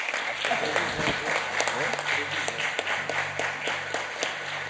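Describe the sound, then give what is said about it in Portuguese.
A crowd applauds steadily throughout, a dense wash of many hands clapping, with a few indistinct voices calling out underneath; the applause is for two guests at the head table, one of them a city councillor from Leme, Brazil. “Uma salva de palmas aos dois.”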